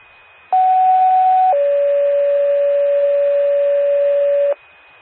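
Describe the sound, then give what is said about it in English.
Two-tone fire paging alert from a test of the Kippen County 911 paging system: a steady high tone for about a second, then a slightly lower tone held for about three seconds, loud and clean with no talking. “Attention, Medora Fire, Medora Ambulance, Medora Fire, Medora Ambulance, this is a test of the Kippen County 911 paging system.”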